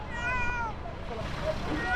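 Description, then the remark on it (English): A small cat found underneath rubble in Colombia meows in thin, drawn-out, plaintive cries, two or three calls spread across a couple of seconds, set against a steady low rumble of background noise. “A small cat has been found underneath the rubble, where others were not so lucky.”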